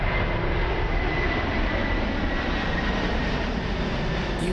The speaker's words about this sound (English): love it or hate it, the sound of a plane flying overhead. But what if I told you there's a place you can see it and hear it where it won't ruin a good night's sleep?